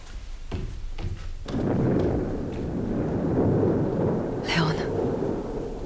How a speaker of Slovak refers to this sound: Oh, a navyše prichádza búrka.